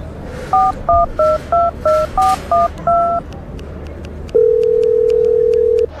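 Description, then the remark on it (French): A phone number is dialed to call the hosts of a show on Radio Grenouille and leave a message: eight quick, evenly spaced touch-tone beeps, then a single long, steady mid-pitched tone sounds on the line over a low background hiss. “On va les appeler pour que tu leur laisses un message.”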